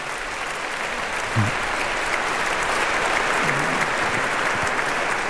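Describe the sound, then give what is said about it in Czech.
Steady, sustained applause from a large audience for the former and current presidents of the Bohemian Heritage Fund, dense clapping filling the whole stretch at an even level, with a few faint voices murmuring underneath. “protože ti dva si zasluhují také velký potlesk.”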